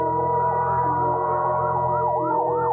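A fire engine siren wails with a rising and falling sweep, loud and continuous over a low rumbling engine drone, with no voices, as the fire engine screams through the city streets at night.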